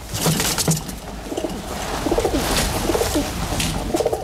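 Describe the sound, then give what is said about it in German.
Frau Holle's fed, contented pigeons in the 1963 DEFA fairy-tale film Frau Holle coo in soft, low, rolling phrases that overlap and repeat throughout, with a faint hiss and a few higher chirps in the background. No one speaks. “Wenn sie satt sind und zufrieden, dann gurren sie.”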